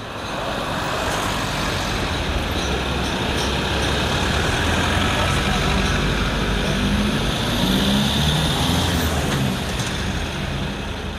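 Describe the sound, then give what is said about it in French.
Steady outdoor ambience in place Grangier, 22 September 2003 at 14:35, on a city-centre car-free day, with a constant low rumble like road traffic, a dense wash of background noise and faint indistinct activity throughout, no clear voices. “22 septembre, 14h35, place Grangier.”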